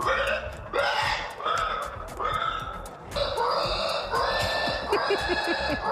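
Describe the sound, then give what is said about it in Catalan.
Contestants in a pig-squeal imitation competition imitate pig squeals while rolling on the ground: loud, shrill, overlapping squeals burst out again and again with no break, several voices at once over a noisy, crowded background. “Segur que frises per sentir una mostra de les habilitats d'alguns dels concursants que ho donen tot a billats de porcs i revolcant-se per terra.”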